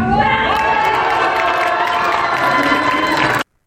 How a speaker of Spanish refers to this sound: Bueno, pues ahí escuchamos los gritos de júbilo de los simpatizantes de la senadora Ana Lilia Rivera.